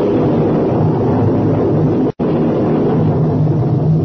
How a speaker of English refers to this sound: Professor, that is thunder. Don't make so much noise about it.